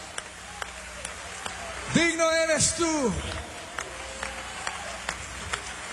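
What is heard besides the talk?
audience applauding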